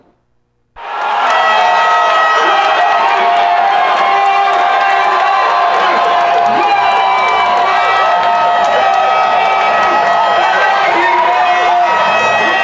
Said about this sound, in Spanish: Así se escucharon los gritos cuando cayeron los goles de la selección mexicana en la Plaza Borda de Taxco, donde fue instalado el FanFest para la inauguración del Mundial de Fútbol 2026.